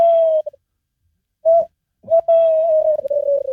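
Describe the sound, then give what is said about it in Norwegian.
A person imitates a tawny owl's hooting call, whistling a short note, a pause, then a brief note and a long wavering hoot, clear with no other talk. “Og så har du kattugla som kan si noe sånt som dette her da.”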